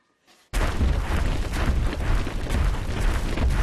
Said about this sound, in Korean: 꼭 그렇게 우당탕 발소리를 내야겠나? 그러면 아래층에 사는 분이 얼마나 시끄럽겠어?